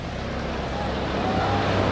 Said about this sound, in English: Chopper flying by overhead.